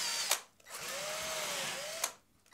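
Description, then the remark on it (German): A power drill whirs steadily for about a second and a half, its motor pitch sagging and recovering slightly, with sharp clicks as it starts and stops. No voices. “Löffel immer drehen. Wie eine Bohrmaschine.”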